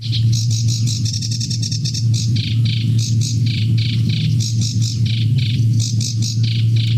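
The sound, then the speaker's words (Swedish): A sedge warbler sings a long, busy stream of rapid chattering and scratchy trills, clear, over a steady low hum of background noise. “Ja, strax efter midnatt alltså börjar årets fågelsångsnatt i Sveriges Radio, och den ni precis hörde var en sävsångare.”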